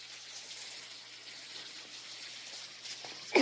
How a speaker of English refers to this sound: At the beauty parlor, Annelle sprays hairspray on Truby's hair.